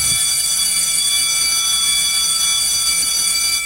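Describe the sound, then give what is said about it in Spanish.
An electric bell rings continuously with a loud, shrill, metallic tone that holds steady without pause for the whole few seconds, and no one speaks; the bell signals the start of a show. “Ya dieron el timbre y aquí comienza.”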